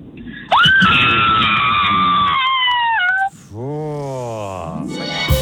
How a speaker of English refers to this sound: Give us the spookiest scream.